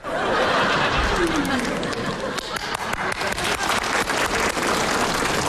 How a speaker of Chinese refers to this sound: 你姨跟你姨父给你鼓掌了。